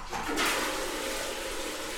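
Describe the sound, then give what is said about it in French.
Steady rushing water from a shower someone is taking fills the whole moment with a dense, even hiss that swells slightly at the start and then holds constant, fairly loud. “Coucou Juliette, t'es partie prendre ta douche.”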